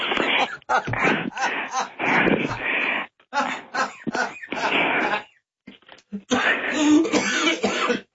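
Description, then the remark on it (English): Someone coughs and clears their throat repeatedly, loud, rough bursts coming in irregular runs with a couple of short pauses between them. “Don't make me cough.”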